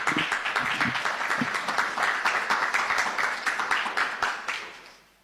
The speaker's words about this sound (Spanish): Así que con este aplauso recibimos a Eduardo Palacio.